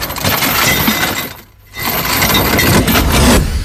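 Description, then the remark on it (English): An anchor being let go: a loud, dense metallic clatter of chain runs for over a second, breaks off briefly, then rushes on again in a second long burst. No one speaks. “It was an anchor. It was indeed an anchor.”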